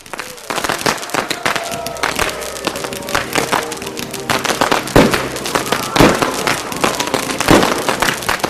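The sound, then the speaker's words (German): New Year's Eve fireworks and colorful firecrackers explode in a dense, irregular barrage, sharp cracks and bangs overlapping constantly, with a few louder blasts standing out and a faint crowd murmur underneath. “In einem halben Jahr ist ja wieder Silvester. Und da gibt es ja diese bunten Knaller.”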